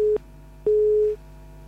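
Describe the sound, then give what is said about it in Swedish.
A telephone line tone on an unanswered call sounds in steady, moderately loud beeps: a short one, a pause, then a longer one, with a faint hum underneath and no voices. “Vi ringer hit, men jag har ingen i luren.”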